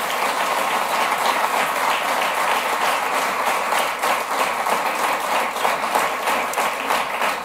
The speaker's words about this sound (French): Et en ce sens-là, je suis certain que les 127 candidats, les 127 nouveaux députés vont travailler en ce sens-là. Je pense qu'on peut tous les applaudir pour leur élection ce soir.